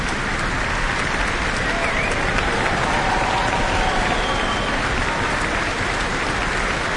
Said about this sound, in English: Looks like a standing ovation for the New Zealand Symphony Orchestra in the Town Hall tonight. The crowd's going wild after that.